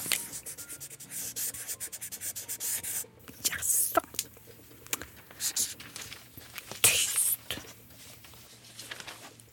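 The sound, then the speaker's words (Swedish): Scratchy rubbing of a white marker pen drawing snow on white paper, with repeated strokes of varying length, a few louder swipes and brief pauses between them. “Att hon inte ska trycka för hårt, för då blir spetsen tuffsig.”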